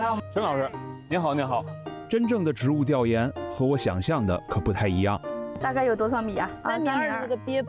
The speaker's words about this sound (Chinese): 楼宇远去，喧嚣消散，山深村用一阵蝉鸣和满眼的绿色，将世俗纷扰尽数隔绝。四周都静了下来，老房子枕着河岸打盹，水鸟在田埂上悠闲踱步。